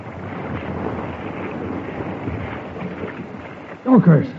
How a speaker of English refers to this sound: And then, on one tempestuous night, the North Fork suddenly leaped over its banks and swept into the sheltered valley.